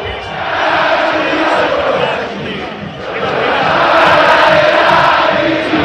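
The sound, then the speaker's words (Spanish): Boca Juniors fans in a packed football stadium roar and chant continuously at the end of a match against Estudiantes de La Plata, a loud sustained wash of many voices that dips briefly near the middle before swelling back even louder. “Escucha a la gente de Boca.”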